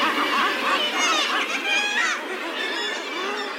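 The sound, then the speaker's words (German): A dense chorus of harsh, overlapping calls from a nesting colony of Northern gannets on the offshore island of Helgoland, Germany, steady and continuous, with raucous croaks and squawks layered over each other and no voices. “Auf der Hochseeinsel Helgoland brütet die einzige Bastölpelkolonie in Deutschland.”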